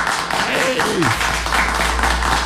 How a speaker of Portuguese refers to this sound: Aplausos, aplausos, aplausos, aplausos. Bem aplaudido, bem aplaudido, bem aplaudido.